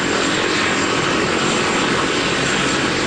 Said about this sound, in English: So right now, the helicopter has landed, and you've had some of the team that's on the helicopter come out, and they're getting a brief from the medics.